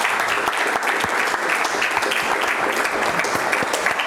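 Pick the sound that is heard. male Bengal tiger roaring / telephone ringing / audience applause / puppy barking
audience applause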